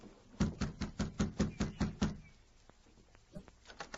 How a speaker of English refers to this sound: Be quiet now. Better knock on the door instead of calling out. Yeah, I will.